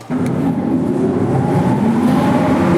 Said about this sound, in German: Ein paar der Motoren für die ehemalige Entlüftungsanlage und Stromversorgung lassen sich tatsächlich heute noch anschalten im Artilleriewerk Simserhof. Das ist eine unterirdische Befestigungsanlage mit einem bis zu 30 Meter tiefen Tunnelnetz.